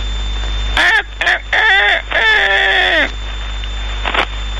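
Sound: rooster crowing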